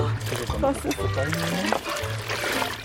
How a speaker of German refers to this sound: Am besten erstmal die Hand nehmen und ein bisschen Wasser über den Oberkörper laufen lassen.